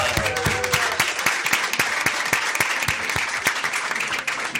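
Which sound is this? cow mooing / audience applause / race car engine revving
audience applause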